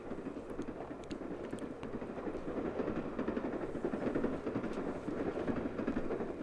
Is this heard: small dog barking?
no